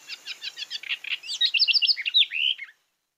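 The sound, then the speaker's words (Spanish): A house wren (common house wren, cucarachero común) recorded in Colombia sings a rapid, bubbling song: a run of quick buzzy notes followed by a tumbling cascade of high trills, loud, ending abruptly after about three seconds. From the Colombian Bird Sound Bank of the Humboldt Institute and Cornell University. “El trino del cucarachero común forma parte del Banco de Sonidos de Aves Colombianas, recopilado por el Instituto von Humboldt y la Universidad de Cornell.”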